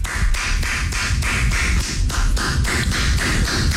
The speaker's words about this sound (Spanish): si vas a aplaudir cada que te equivoques, esas manos las vas a quedar con sangre. Deja que aplaudo porque me equivoqué. Pues te vas a matar a puros aplausos.